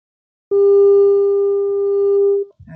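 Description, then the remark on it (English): A phone ringback tone for an unanswered call sounds once as a steady, loud electronic beep lasting about two seconds, clear, with faint background rumble, followed by a brief bit of noise. “I call. I call, but you know, pick in call.”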